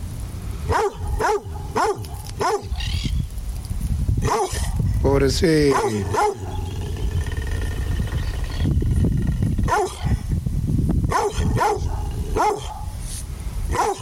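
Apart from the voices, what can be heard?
dog barking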